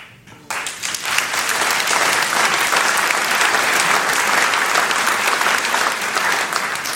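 An audience breaks into sustained applause, a dense wash of many hands clapping at steady loudness for several seconds, with no one speaking over it.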